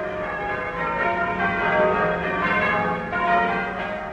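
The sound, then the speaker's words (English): Church tower bells peal continuously, overlapping strokes ringing out in a dense, resonant wash with a steady swell and no voices. “From the heights of our graceful Bell Tower, the bells ring out their welcome”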